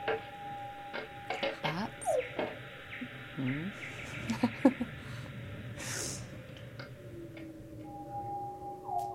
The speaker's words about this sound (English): Coral reef. Snapper shrimp.